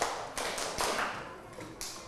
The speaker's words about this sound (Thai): หมดเวลาปรบมือ5ครั้งปรบมือ5ครั้ง